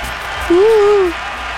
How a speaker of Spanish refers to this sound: Bueno, aplausos para la raza.